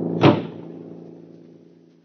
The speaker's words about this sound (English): Now, open the door to the car.